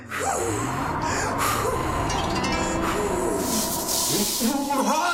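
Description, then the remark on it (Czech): Three forceful, breathy blows of air into a chimney, each a hissing gust, spaced across a few seconds over a steady low background murmur. “Napřed ale třikrát fouknu do komína.”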